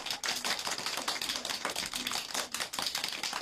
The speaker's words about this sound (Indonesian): Itulah pengucapan rukun Islam. Beri tepuk tangan.